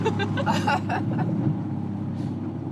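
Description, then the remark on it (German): A motorboat engine drones steadily at a low pitch as the boat runs over the waves, with a fairly loud, constant rumble. Brief bursts of voices or chuckling rise over it during the first second. “Hier spürt man ja das Wasser, die Wellen, das meine ich.”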